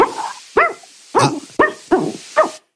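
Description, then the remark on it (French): A woman on a phone call imitates a barking dog, giving six loud barks in a fairly steady rhythm, each short and sharp with a slight whine, and no other sounds around her. “Un chien très bien entraîné, mais c'est clairement un humain derrière.”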